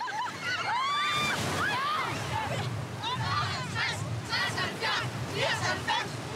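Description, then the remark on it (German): Steady surf of the Danish sea washes and rumbles in the background while many children's voices shout and squeal over it, lively, with no clear speech, during a school swimming lesson in 16-degree water. “So lernen wir das echte dänische Meer kennen.”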